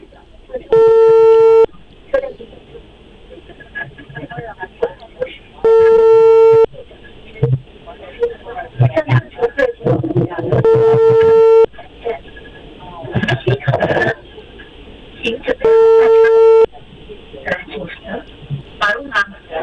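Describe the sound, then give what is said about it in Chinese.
A telephone ringback tone sounds four times, each steady tone about a second long and repeating every five seconds or so, with muffled voices and background clatter in the gaps, while a live radio show in Inner Mongolia calls the Hohhot metro company's customer service line. “我再联系一下地铁公司啊，因为他刚才给了咱们一个电话。”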